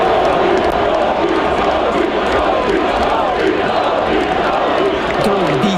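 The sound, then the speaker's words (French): A large crowd in the street outside the Centre Bell cheers and shouts for Canadiens goaltender Dobesh during the player presentation, a loud, steady roar for the whole stretch, with a few voices rising in chant-like yells near the end. “Mais il y en a un quand même qui a eu droit à quelque chose de spécial.”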